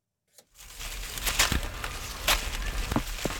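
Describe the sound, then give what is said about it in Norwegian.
Apples dropping from one of two large old apple trees in a garden at Slemdal in Oslo, Norway: leafy rustling and several soft thuds as fruit hits branches and the ground, over steady ambient background noise. “Oi, der datt det ned et også, det beklager. Lyden av fallende epler ganske fint.”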